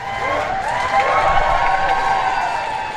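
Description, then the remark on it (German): A large outdoor crowd in front of 10 Downing Street in London cheers and applauds continuously as Ukrainian President Volodymyr Zelensky steps out, a dense wash of clapping and raised voices with high whoops carrying over it, loud and sustained throughout. “Als Volodymyr Zelensky vor die Downing Street Nummer 10 tritt, brandet Applaus auf.”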